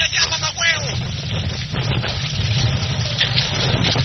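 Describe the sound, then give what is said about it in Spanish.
Loud, steady rush of sea water churning, a continuous wash of noise with a deep rumbling underneath and a few faint voices calling out in the mix. “gente corriendo en el aeropuerto, bajando por las escaleras, el mar.”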